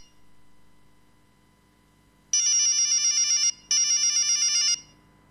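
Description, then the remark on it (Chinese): A mobile phone ringtone sounds for an incoming call that is left unanswered, after a few seconds of quiet, playing two loud bursts of bright, warbling electronic melody separated by a short gap, with nobody speaking. “他现在还没法向他如实告知肖雷的情况，便任凭手机一直响着没敢接”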